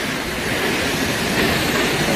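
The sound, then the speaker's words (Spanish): A loud, steady roar of a horsetail waterfall dropping 222 metres into a stone cirque in a natural park on the border of Álava and Burgos near the Orduña pass, crashing down without pause, a dense rushing wash with no voices over it. “El sitio en sí ya es espectacular, pero claro, si ves caer esa cola de caballo, esa cola de agua, pues más todavía. Bueno, es que mira cómo suena, es que mira cómo suena.”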